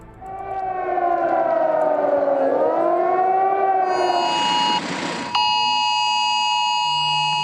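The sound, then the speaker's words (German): A shrill emergency warning test alarm on mobile phones in Germany on National Warning Day (Nationaler Warntag), a Thursday, sent by the authorities: a harmonic tone that wavers and swoops in pitch, then switches to a steady, piercing multi-tone beep, loud throughout with no voices. “Dieses schrille Geräusch hat viele von uns auf dem Handy erreicht an diesem Donnerstag, dem Nationalen Warntag.”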